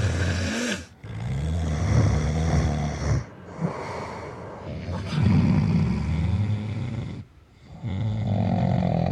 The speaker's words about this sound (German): Heroische Schnarcher übertönen leicht die mäßig und schweren und sollten daher nur in effektgeladenen Nächten kombiniert werden.